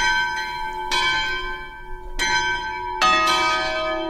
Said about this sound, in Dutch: Dit zijn niet de klokken van de kathedraal van Antwerpen.